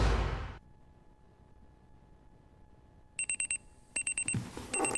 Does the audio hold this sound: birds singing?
no